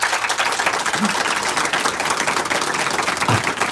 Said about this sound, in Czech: Troufám si tvrdit, milé posluchačky a posluchači, že ten potlesk, který zní odsud z prostranství před naším airstreamem, je zcela symbolický, protože to první uvedení … snímku zažilo dokonce 6-minutový potlesk.